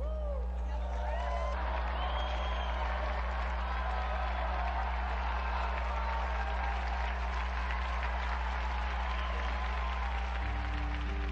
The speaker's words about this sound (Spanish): Unidos pues a la primitiva iglesia que acompañó a Cristo y a cuantos ahora lo siguen haciendo, brindemos nuestro vivo aplauso a San José de Arimatea y a San Nicodemo.